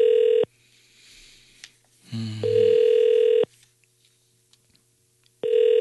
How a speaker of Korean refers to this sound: 전화를 안 받으시네. 오늘 왜 그러시지?